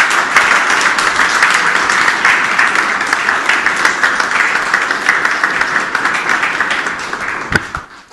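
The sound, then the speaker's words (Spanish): Sustained applause from a sizable audience for the advising teachers of the students, closing the protocol of the first workshop of 2026, a dense, steady wash of many hands clapping at once for about eight seconds, loud, beginning to thin out right at the end. “Bien, y no podríamos finalizar este protocolo, sobre todo de este primer taller del año 2026, con un fuerte aplauso para los maestros y maestras asesores de estos chicos que hoy nos acompañan aquí presentes.”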